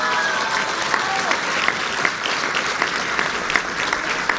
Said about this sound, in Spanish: Y entonces hay que darle otro aplauso a la gobernadora porque mucho se debe a su trabajo, a su liderazgo.